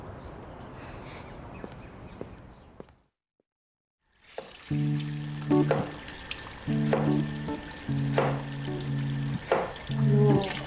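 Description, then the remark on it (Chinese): A kitchen knife chops food in a handful of sharp, evenly spaced strikes about a second apart, over a steady sizzling hiss and sustained musical tones, after a brief silent gap. “刀法可以啊，那还我找了一个上得了战场、下得了厨房的好男人没有？”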